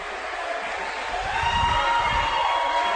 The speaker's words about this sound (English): They're cheering a double into the corner.